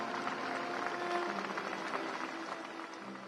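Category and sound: crowd, applause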